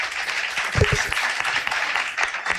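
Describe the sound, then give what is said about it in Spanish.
An audience applauds with dense, continuous clapping that fills the short stretch, fairly loud and steady, with a brief voice or shout briefly rising near the start. “Podéis aplaudir, para ver que la gente, que hay gente.”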